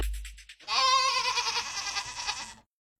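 A single loud goat bleat, a wavering, quavering cry lasting about two seconds, clear, preceded by a brief low rumble and then cut off into silence.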